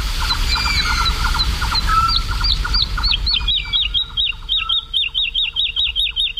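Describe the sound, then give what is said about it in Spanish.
A woodlark sings while flying overhead at dawn over the fields of Daimiel, Spain, flapping its wings frantically: a rapid, repeated series of liquid, fluting notes, clear, with other small birds chirping faintly in the background over a low rural hum. “Y la totovía está, es una alondra, la alondra de bosque, la totovía está volando arriba, aleteando frenéticamente y cantando.”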